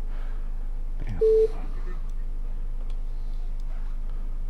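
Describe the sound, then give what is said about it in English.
A single short telephone tone, like the start of a busy signal, beeps once over a steady low line hum and faint background clicks as a phone call fails to transfer, with no one speaking. “And we are having a problem getting this call to transfer over, so we're going to go ahead and let's try it one more time.”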